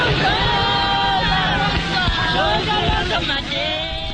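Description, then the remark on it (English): A large crowd at the back entrance of the Pretoria court in South Africa yells and shouts continuously as the accused are driven away to start their life sentences, many overlapping voices rising and falling in a loud, steady roar with a low rumble of engine noise underneath. “At the back entrance to the Pretoria court, large crowds gather to watch the accused being driven away to start their life sentences.”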